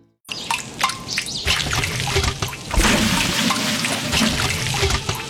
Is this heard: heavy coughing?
no